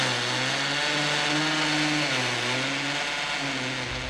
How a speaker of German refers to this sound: Und seitdem bohre ich hier selber meine Löcher und meine Regale zusammen.